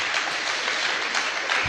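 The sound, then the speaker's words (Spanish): A crowd claps steadily for a couple of seconds in applause for Jesus, a dense, even wash of many hands applauding together with no voices standing out. “Démosle un fuerte aplauso a Jesús, al Rey de Reyes y Señor de Señores.”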